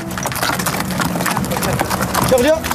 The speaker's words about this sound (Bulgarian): Редом до нас ни следват и звуците на магаретата, които пренасят тежкия багаж по тесните планински пътеки, минавайки край туристите.